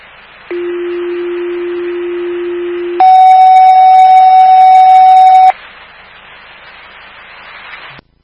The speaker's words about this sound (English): Fire alarm from Station 25. You can head over to East Glen Drive. That's East Glen Drive.